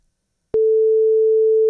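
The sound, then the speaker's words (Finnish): After a brief silence, a telephone ringing tone sounds as a Radio Rock host places a call to a listener: a single steady, clear electronic beep, holding one pitch for over a second and continuing to the end, with no voices. “kokeillaanpa onnea puhelimen kanssa. Katsotaan, vastaako mulle kukaan.”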